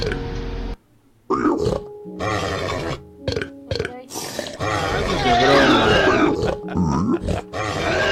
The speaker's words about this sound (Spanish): Eso no es un zombie, es un puerco. Un zombie puerco.